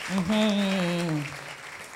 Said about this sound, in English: Oh, please clap for her as she's coming here.